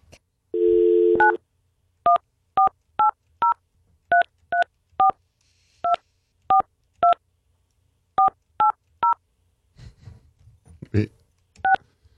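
A short dial tone gives way to a steady sequence of about fourteen clear touch-tone beeps as the speaker's phone number is dialed, with a brief muffled rustle near the end.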